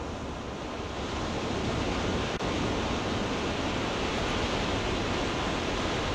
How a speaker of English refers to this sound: Honorable mention, … from ….